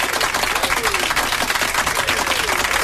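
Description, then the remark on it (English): A crowd applauds steadily at the start of the Kiss Overdrive show on Kiss radio, dense overlapping claps forming a loud, bright, continuous wash of noise with no pauses, while faint voices and cheers drift through underneath. “Big applause.”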